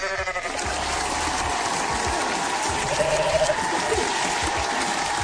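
A goat bleats a few times, a wavering nasal cry rising out of a dense, noisy wash of background sound that stays steady throughout, with no talking.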